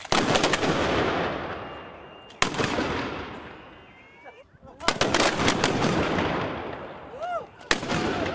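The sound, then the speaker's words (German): Ceremonial gun salute at a monument in honor of Prince Leopold I of Anhalt: four loud, sharp cannon blasts spaced a couple of seconds apart, each followed by a long rumbling decay that fades before the next shot. “Danach gab es gleich zwei Salutschüsse zu Ehren des Fürsten.”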